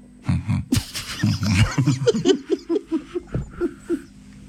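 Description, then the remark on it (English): A person vocally imitates a blue whale's heartbeat with a loud run of low, throaty pulses, starting in a rough burst and then settling into a steady rhythm of about ten quick beats. “Did you know that you can hear a blue whale's heartbeat from over 2 miles away? What? Yep. What does it sound like”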